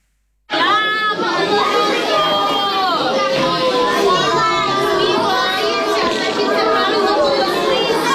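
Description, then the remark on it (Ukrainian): Many children from four primary classes chatter and call out at once in the bomb shelter of Chernihiv Gymnasium No. 2 during an air raid alert, a loud continuous babble of young voices with no single speaker standing out. “У цьому укритті Чернігівської гімназії номер 2 під час повітряної тривоги одночасно навчаються 4 класи початкової ланки.”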